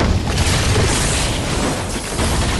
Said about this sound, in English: the dragon chomps her and explodes into streamers of sparks. The streamers smash the educational decrees.